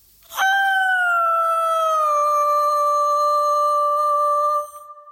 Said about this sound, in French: Voilà qui conclut nos annonces sur un beau cri d'animal, un loup.